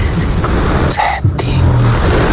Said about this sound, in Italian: senti il rumore della macchina.